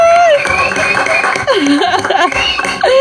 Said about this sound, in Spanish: ¡Vamos, un aplauso!